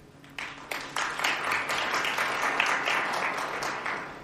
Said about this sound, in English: I like this applause after every answer.